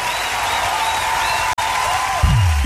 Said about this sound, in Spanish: ese aplauso para …